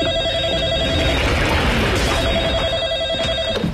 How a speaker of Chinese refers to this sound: 啊，电话吗？